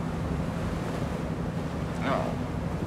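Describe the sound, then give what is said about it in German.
A steady, rushing wash of sea waves breaking on the shore in some sunshine, mixed with wind noise and a low rumble, with a brief faint higher sound near the end. “Naja, immerhin ein bisschen Sonne, Meer.”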